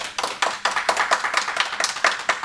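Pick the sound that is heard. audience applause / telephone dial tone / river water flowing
audience applause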